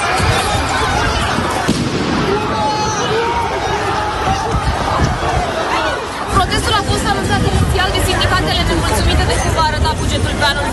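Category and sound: crowd, street protest crowd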